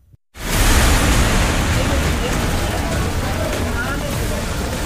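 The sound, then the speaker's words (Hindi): Rushing floodwater after torrential rain in Jammu and Kashmir, coming down from the mountains and breaking rocks, roars in a dense, steady wash of noise that kicks in abruptly after a split second of silence and stays loud and churning to the end. “पानी के प्रहार से चट्टान टूट रही है और साथ ला रही है मुसीबत।”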